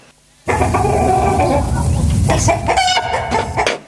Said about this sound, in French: Aujourd'hui, nous allons parler de l'élevage de poules. Notre invité, notre poule Coco.